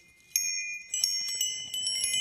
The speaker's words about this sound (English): But I can tell you, this chime is from my childhood and it's actually been in every composition, so I'm sorry, it gets a little day in the sun.